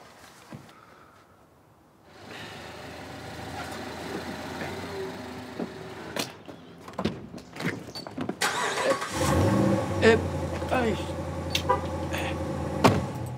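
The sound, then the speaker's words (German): A new car's engine starts after a brief quiet moment and keeps running, with scattered clicks and mechanical thumps, then grows louder with a steady humming drone toward the end. No one speaks. “Mein neues Auto. Noch ein bisschen gewöhnungsbedürftig.”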